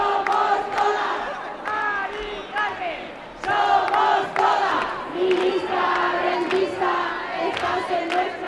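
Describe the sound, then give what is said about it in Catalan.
A large crowd of protesters at a Saturday evening housing demonstration through the streets of central Madrid shouts and chants together in loud, sustained waves, voices overlapping with rhythmic bursts and sharp accents, never letting up across the whole stretch. “Són els crits que hem escoltat aquest dissabte hora baixa en la manifestació que ha recorregut alguns dels carrers del centre de Madrid.”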